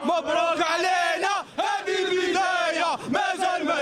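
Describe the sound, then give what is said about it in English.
A huge crowd roars and chants together in celebration, loud and sustained, with voices rising in unison and only brief dips between surges. “Listen to the crowd. It's as if Morocco has won the World Cup.”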